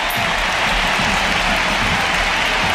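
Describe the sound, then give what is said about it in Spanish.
A large stadium crowd at Camp Nou, officially 40,533 people, applauds and cheers an ovation for substituted player Graham Hansen, a steady, dense wash of clapping and roaring that fills the space, loud and continuous with no single voice standing out. “La primera sustituida es Graham Hansen, que se lleva esta ovación.”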